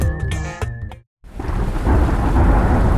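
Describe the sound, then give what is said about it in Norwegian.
A brief musical jingle stops abruptly, then after a moment of silence heavy rain pours steadily and loudly, with a deep thunder rumble rolling underneath, continuous. “Ja, der kom regn igjen.”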